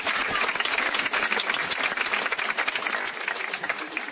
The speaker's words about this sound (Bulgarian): Чувате аплодисментите.